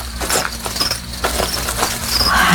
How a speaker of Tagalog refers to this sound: Parang may sumusunod sa akin. Oo nga. Parang may naririnig ako mga yabag at kaluskos.